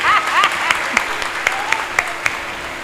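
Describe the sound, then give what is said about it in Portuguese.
A crowd applauds the newly drawn captain and emperor of the Festa do Divino Espírito Santo 2027 with steady, dense clapping that stays fairly loud throughout, a few sharper individual claps standing out, and faint voices or whistling mixed into the noise. “Acolhamos com a salva de palmas.”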